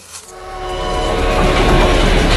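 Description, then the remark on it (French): A train rolls along the rails, its heavy rumble and rattling wheels swelling louder as it approaches, with a faint tonal whine riding on top and no voices. “Je partais pour aller voir les machines, les locomotives qui étaient à 500 mètres de la maison.”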